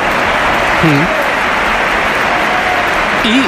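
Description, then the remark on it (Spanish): A dense, steady wash of crowd applause for Gonzalo at the Bernabéu during Real Madrid against Real Oviedo, loud and continuous, with a couple of brief voices rising above the clapping. “Aplausos.”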